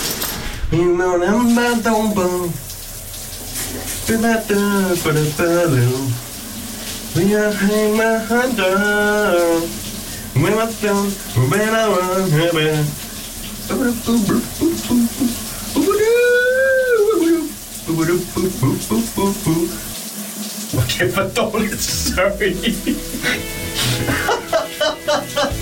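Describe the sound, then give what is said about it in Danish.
A man sings loudly in the shower in the morning, in phrases with wavering pitch while the shower water runs steadily underneath; the singing pauses briefly between lines and the hiss continues throughout. “vi kan føre den over i dagens brusebadsit”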